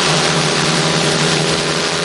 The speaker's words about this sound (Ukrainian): Ось так гучно в небо зіймається ударний дрон-бомбардувальник «Вампір» сьогодні у навчальному режимі.